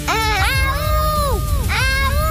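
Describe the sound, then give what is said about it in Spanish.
Wolves howling, with several long, wavering howls that rise and fall in pitch and overlap one another over a steady low rumble. “Nuestros amigos seguían escuchando los aullidos y decidieron ir a ver qué pasaba.”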